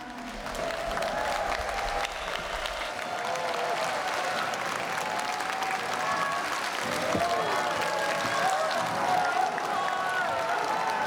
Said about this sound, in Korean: 아, 추임새가 절로 나죠? 아이씨구! 이것 봐. 처음 시작보다 훨씬 추임새 소리가 커졌잖아요. 이제 이 다음 무대 시작 전에 여러분들의 함성 소리가 더 커질 거라고 믿습니다.